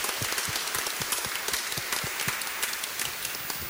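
A crowd applauds steadily in honour of the sisters of consecrated religious life, many hands clapping in a dense, even patter with sharper individual claps poking through, holding at a constant level from start to finish without any voices.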